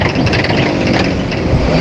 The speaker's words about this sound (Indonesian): Jadi untuk sementara karena evakuasi jalan ditutup dulu ya, truk mobil-mobil dan sepeda motor sudah diperbolehkan melintas.